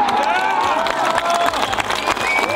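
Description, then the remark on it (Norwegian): A golf tournament crowd in Kerteminde, Denmark, at the Danish Golf Championship cheers Jeff Winter's win loudly and continuously, with overlapping shouts, high rising whoops and whistles, and scattered clapping filling the whole moment. “Sådan her lød jublen i Kerteminde i går, hvor Jeff Winter, han altså vandt som dansker.”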